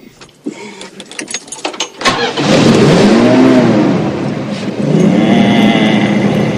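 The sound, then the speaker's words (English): An old car engine in a garage cranks with a few sputtering clicks as the ignition is turned on, then catches and roars to life, revving loudly with rising and falling pitch before settling into a steady, rumbling idle to warm up. “Then, grinning, Grandpa turns on the ignition.”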